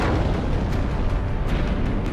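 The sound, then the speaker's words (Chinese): A massive explosion of China's first atomic bomb, tested over Lop Nur on 16 October 1964 and raising a fiery mushroom cloud, rolls on as a deep, continuous roaring rumble, loud and steady throughout, with a few sharper crackling bursts rising above it and no voices. “1964年10月16号，罗布泊上空升起了一朵火红的蘑菇云，中国第一颗原子弹爆炸成功。”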